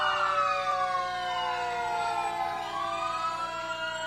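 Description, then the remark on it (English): The siren of Crete Fire Department Engine 31, from Crete, Nebraska, wails loudly in a parade, its rising and falling tone sweeping down as the truck passes, with steady engine rumble underneath and no talking. “Next, Crete Fire Department. Oh, and here's Crete, Nebraska's, 10 miles to the north of us. Engine 31.”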